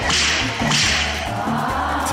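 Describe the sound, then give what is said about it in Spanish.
Two loud whip lashes snap in quick succession, each a sharp hissing crack, over a steady low rhythmic hum in the background. No one speaks. “Le voy a decir a mi compa Alexander que te calme con unos latigazos.”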